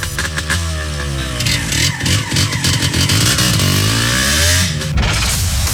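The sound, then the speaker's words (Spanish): A loud motorcycle engine revs repeatedly in an advertisement for the Auteco Remedios motorcycle agency, its pitch rising and falling in throaty surges over a steady rumbling idle, with no voices. “Mamá Fest, amor sobre ruedas, donde los mejores recuerdos comienzan en moto.”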